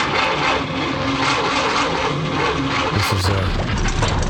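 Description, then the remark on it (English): An old motor car, brought to the NCT Centre for its car test, runs steadily: a loud, rattly rumble with a low throb underneath that holds for the whole stretch, rising slightly in pitch briefly near the end. “This is her trusty motor car.”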